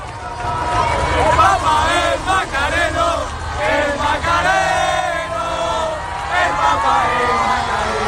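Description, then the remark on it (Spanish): A large crowd of young people from parishes and brotherhoods of Seville, such as the Macarena, shouts and chants together as the Popemobile passes, a loud, continuous roar, many voices overlapping with rising and falling cries throughout. “Así gritaban al paso del Papa Móvil.”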